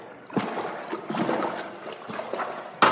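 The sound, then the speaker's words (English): Continuous splashing and sloshing of water as two people wade into the water in the dark, with irregular surges of spray and a sharper splash right at the end. “Well, here we go into the water.”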